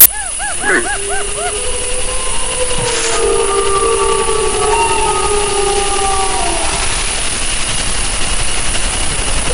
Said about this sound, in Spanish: Ahí se queja un ciervo, esa tos así como de alarma, y al fondo, pues es una manada. ¿Se oyen varios? Sí, claro, las manadas, los lobos, bueno, ya hablaremos de eso más adelante, pero los lobos aullan entre ellos, ¿no?